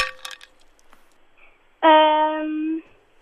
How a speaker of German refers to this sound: Oh nein. Leider die Eiswürfel.